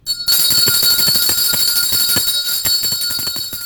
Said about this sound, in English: Let's ring today's lunch bell.